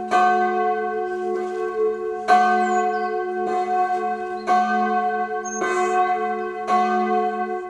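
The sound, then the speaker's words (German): A full peal of four church bells, as rung at feasts and special celebrations, rings out loud, heavy strikes arriving about once a second and overlapping into a rich, sustained hum, with no voices. “Festen und besonderen Feierlichkeiten erklingt dann natürlich das komplette Geläut aus 4 Glocken.”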